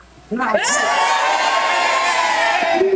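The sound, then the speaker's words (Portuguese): A crowd of schoolchildren, the supporters of Colégio São José, cheering for Brazil. After a brief quiet start they burst into loud, sustained cheering and high-pitched shouting, keeping a steady roar of voices for a couple of seconds. “Agora, gente, eu quero ver a torcida do Colégio São José para o Hexa.”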